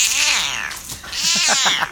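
A Cornish Rex cat named Kjelle lets out a long, hoarse, raspy meow followed by a second drawn-out strained cry, loud, with no other sounds or talking.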